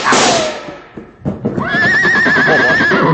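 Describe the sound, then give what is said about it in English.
A horse whinnies loudly: a strong burst fades out, then after a short pause a long, quavering neigh rings out with a shaky, vibrating pitch. “Well, this horse is safe now, and that means you stand to lose a fortune.”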